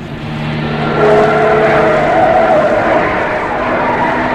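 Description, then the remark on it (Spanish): A car engine drones steadily while the vehicle drives and turns onto a road, approaching the Hassel Mahal neighborhood of Tangier, with tires squealing and skidding briefly on the road surface, loud and continuous throughout. “Jaffa, dé vuelta en ese camino.”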